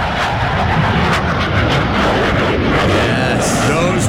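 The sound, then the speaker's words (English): Navy fighter jets taking off from the Portland Jet Port, across the street, producing a loud, sustained roar with a deep rumbling undertone and a harsh hiss above it, steady and unbroken for the full four seconds. “Some Navy fighter jets leaving the Portland Jet Port which is across the street from us.”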